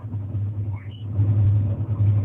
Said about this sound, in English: I'm in a new truck, new system here. Can you hear me? Oh yeah, it's a lot of background noise.